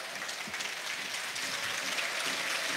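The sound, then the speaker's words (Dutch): Steady stadium applause from a large crowd at a football match, for player Chris Lokeza as he leaves the pitch and passes the main stand. A dense rushing wash of clapping that holds at an even level throughout, with no voices standing out. “Ondertussen het applaus voor Chris Lokeza.”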